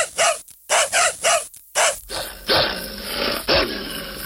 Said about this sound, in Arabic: لا تخافي لا تخافي، هذه كلاب فقط صوتها عالي. لا أخاف منك، لا أخاف، انبح كما تشاء.